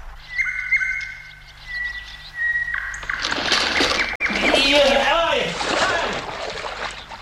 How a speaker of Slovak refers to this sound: mohla by si mi toho Slávika zo zvukolapky znova pustiť? Pravda, že? Len počúvaj.